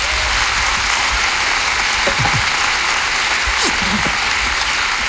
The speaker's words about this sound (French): Il est dans la salle ce soir, on peut l'applaudir.